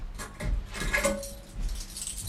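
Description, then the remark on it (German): A hotel room key for room number 1 jangles as it is handed over, a few quick, bright metallic clinks spread over a couple of seconds, with faint low rustling underneath and no voices. “Der Schlüssel, bis Mittag räumen.”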